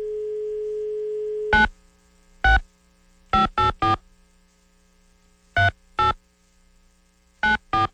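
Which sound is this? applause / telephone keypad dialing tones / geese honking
telephone keypad dialing tones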